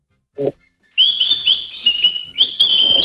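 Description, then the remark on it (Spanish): A small pet bird gives a quick chirp, then launches into a long, bright, continuous whistling song with high warbling notes and brief pauses, loud and alone. “¿Qué está diciendo? Tradúcelo. No, ahora está silbando.”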